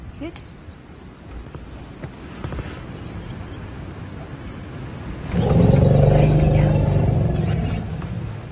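Elephants answer a researcher's call with deep, loud rumbling calls that rise suddenly partway through and hold steadily for the last few seconds, rolling over a windy outdoor background.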